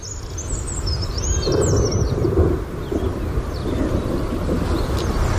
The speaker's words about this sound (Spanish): vamos a por otra especie que creemos también que te cautiva, porque lo has comentado en alguna ocasión, el alcaudón dorsirrojo. En este caso aparece en las páginas de mayo y le vamos a escuchar.